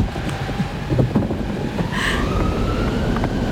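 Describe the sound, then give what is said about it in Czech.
A steady roar of strong polar wind gusting, with a thin whistling howl rising and falling above the low rumble throughout. “Vítr.”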